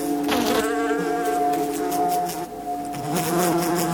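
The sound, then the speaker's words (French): Several houseflies buzzing loudly and steadily, a droning hum with wavering pitch that rises and dips as the flies move about, with no talking. “C'est que des mouches domestiques, on en croise beaucoup.”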